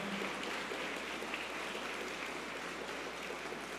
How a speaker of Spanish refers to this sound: Un fuerte aplauso al Padre, a los padres que nos han venido a compartir la Eucaristía.